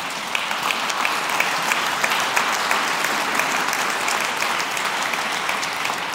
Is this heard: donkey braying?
no